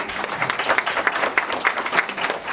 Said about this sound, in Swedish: Det tycker jag är värt en applåd.